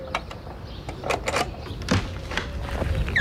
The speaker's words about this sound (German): Oh, warte, ja, ich schließe die Tür wieder auf.